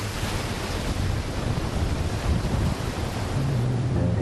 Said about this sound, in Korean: 에스페란스 해변 중 아름답기로 유명한 럭키베이. 호주에서 가장 흰 모래사장이라고 한다. 모래사장의 끝, 바다와 맞닿은 암벽으로 파도가 들이친다.